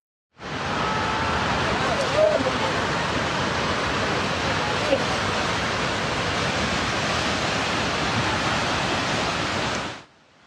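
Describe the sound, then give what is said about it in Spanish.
A loud, steady roar of rushing floodwater from an overflowing river in Nepal, the river presumably blocked by a landslide, continuous for about ten seconds before cutting off abruptly. “El desbordamiento de un río, presuntamente bloqueado por un deslizamiento de tierra, desencadenó esta emergencia.”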